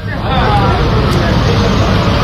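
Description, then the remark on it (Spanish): Steady roadside ambience of idling and slow-moving cars with a dense murmur of voices mixed in, loud and continuous, as cars pile up at a metal barrier where the Israeli army has closed the road into a Palestinian village in the West Bank. “Había coches, niños palestinos que me ofrecían botellas de agua.”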